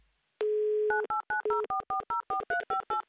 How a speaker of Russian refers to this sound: Номер телефона мы набрали. Ждем соединения